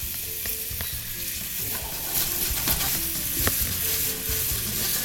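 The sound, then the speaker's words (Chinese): Steady, hissing sizzle of food frying in a pan with shacha sauce and a little water over moderate heat, broken by irregular scrapes and clacks of a utensil stirring the sauce through it. No one speaks. “但是要炒这一步，其实这个整个香酱料的香气， 它味道会比较有。”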